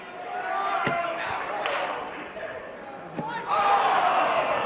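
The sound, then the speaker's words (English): Loud arena crowd noise during a dart-throwing game, a dense roar of many voices that stays steady and swells near the end, with sharp bangs and thuds cutting through now and then. “I think the crowd noise made it pop up. It's so loud in here.”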